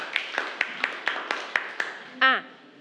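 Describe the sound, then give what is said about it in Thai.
A class of students claps in steady unison for a group of classmates (group 3), about eight sharp claps in an even rhythm, followed by a brief voiced cry at the end. “ปรบมือให้กับเพื่อนกลุ่มที่3ด้วยค่ะ”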